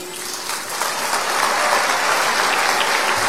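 Steady welcoming applause from a crowd receiving the women's concert marimba of the Ministry of Culture, a dense crackle of many hands clapping that swells slightly after the first second and holds at a lively, even level, with no voices over it.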